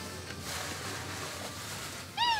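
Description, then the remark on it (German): A single street cat in Kotor meows loudly near the end, rising out of a steady outdoor street hum. No one speaks. “Heute bewahrt Daniela Knežević Kotors Katzen vor Krankheit und Ungemach.”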